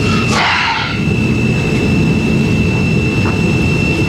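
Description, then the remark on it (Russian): A brief rushing hiss of de-icing fluid being sprayed onto an airplane, heard over a loud, steady low engine drone and a thin high whine that continue after the spray stops. “Это обрабатывают антиобледенительной жидкостью.”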